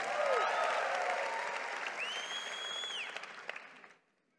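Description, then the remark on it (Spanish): An audience applauds the Lord and shouts for joy in a sustained burst of dense clapping, with scattered whistles and shouts rising over it, before the noise cuts off abruptly near the end. “Vamos, dale un aplauso al Señor. Vamos, da un grito de júbilo al Rey.”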